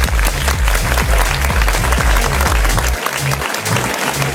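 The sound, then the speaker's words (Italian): Loud, sustained applause from a crowd for a DJ during a dance-music party, a dense wash of clapping that fills the whole clip, with a steady thumping bass beat pulsing underneath. “Facciamo un applauso a ….”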